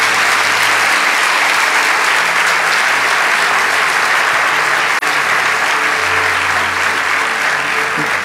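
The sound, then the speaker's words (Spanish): An audience applauds for the Lord for several seconds, a dense, loud wash of clapping that holds at an even level throughout, with faint low tones underneath and no clear speech. “¿Cuántos le damos un aplauso al Señor?”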